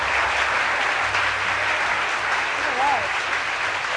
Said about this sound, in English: Yeah, well-deserved applause there for